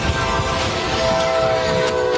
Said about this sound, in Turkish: Bu kazada hemzemin geçitte meydana geldi. Virginia'da bir yük treni vidanjöre çarptı. Araç çarpmanın şiddetiyle taklalar atarak yola savruldu.